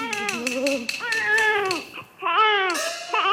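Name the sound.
infant crying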